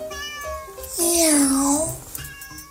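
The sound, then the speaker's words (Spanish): A cat lets out a long, loud meow that rises and then falls, preceded by a softer, shorter mew. It is clear, with no talking. “El gato oculto de Fren no se traga los cuentos sobre el Mayo y Rocha Moya y maulla que los gringos saben todo.”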